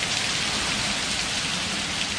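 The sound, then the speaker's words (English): Steady rain falls in a continuous, hissing wash, dense and even throughout with no individual drops standing out and no voices present. “That's what rain sounds like if you were forgetting.”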